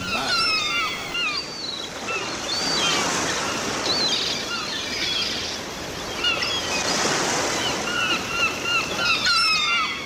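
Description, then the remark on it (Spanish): Ocean waves surge and wash ashore in steady, broad swells, building and receding every few seconds, with faint bird chirps scattered above the roar of the surf. “El mar.”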